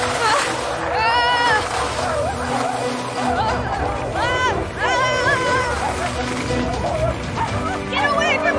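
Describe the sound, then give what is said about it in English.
A pack of wolves barks and yelps in loud, excited bursts while chasing a sled down a mountain, over a busy, rushing background, with voices mixed in beneath the clamour. “But the dogs are behind the sled. Those aren't dogs.”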